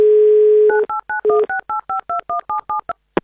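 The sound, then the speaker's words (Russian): A steady dial tone gives way to a quick run of about a dozen touch-tone beeps as a telephone number ending in 1772 is dialled, each short dual-pitched tone evenly spaced and clear. “Набрали его номер телефона.”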